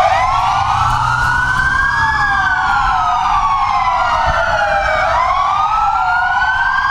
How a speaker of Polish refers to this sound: Policjanci na Dolnym Śląsku, ale również w całym kraju zatrzymali się na chwilę, włączyli sygnały świetne dźwiękowe w radiowozach i oddali hołd.